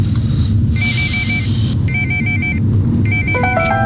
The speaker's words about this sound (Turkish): Telefon çalıyor. Benim değil. Benim de değil, bu zır zır çalıyor.